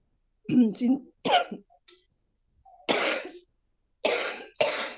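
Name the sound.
coughing fit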